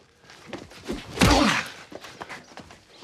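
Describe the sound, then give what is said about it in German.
A strong right-hand punch lands on a punching bag with a loud, broad thud, followed by scattered softer impacts and shuffling movements before and after. No one speaks. “So eine starke Rechte hätte ich dir gar nicht zugetraut.”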